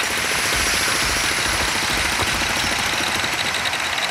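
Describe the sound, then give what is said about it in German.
Loud, continuous construction site noise in the city of Ulm, with a rapid hammering rattle like a jackhammer layered over a droning engine, steady throughout with no voices. “Aber so klingt das, wenn man in Ulm unterwegs ist. Die Stadt Ulm ist nämlich die Stadt der Baustellen aktuell.”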